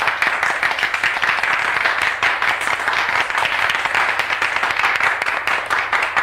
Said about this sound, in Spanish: Pero el colegio estalla en una ovación. Esta sí, espontánea, cálida.